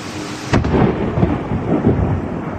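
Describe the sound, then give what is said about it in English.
A sudden, sharp thunder crack from a very close lightning strike, about a fifth of a mile away, splits the air, followed by a heavy, rolling rumble that churns on loudly with no one speaking. “This is an amazing video of a close-up lightning strike.”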